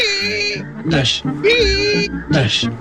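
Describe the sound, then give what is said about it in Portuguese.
Worn car windshield wiper blades squeak across glass in a steady back-and-forth rhythm, four loud, high-pitched, whining squeals with short gaps between them. “Não, não é apenas o barulho das escovas gastas.”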